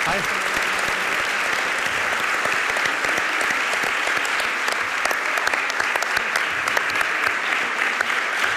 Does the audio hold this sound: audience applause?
yes